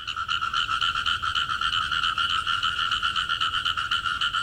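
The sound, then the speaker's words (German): A tree frog at the Welser Tiergarten zoo croaks in a steady, rapid trill of pulsed calls, loud, continuing without pause for the whole stretch with no voices present. “So eine ganz spezielle Eigenschaft vom Laufrosch ist, dass er extrem gut klettern kann.”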